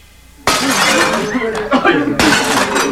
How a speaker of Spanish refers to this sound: La banda de Quaid descendió de los jeeps y los hombres se formaron en un medio arco y comenzaron a destrozar los cristales a cachazos.